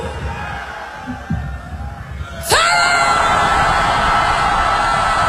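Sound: audience screaming loudly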